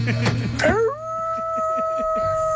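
Dogs let out a long, loud, steady howl that rises and then holds its pitch, following a brief burst of noisy yipping at the start.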